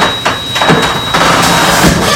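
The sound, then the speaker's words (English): A loud, rattling garage door grinds open, with scraping and clattering bursts over a steady mechanical rumble and a thin high whine running throughout. “Does your garage door always make that sound?”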